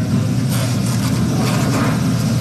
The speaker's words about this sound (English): Well, you just heard the sound of chicken frying at the longest-running Black-owned restaurant in Durham, the Chicken Hut. They fry chicken, trout, shrimp, and those are just a few of the memorable dishes